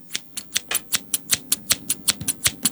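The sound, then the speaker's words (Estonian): Rapid snipping of scissors, about fourteen crisp metallic cuts in a steady rhythm, clear with no talking. “Need on käärid, või? Need on käärid, tõesti, kuule.”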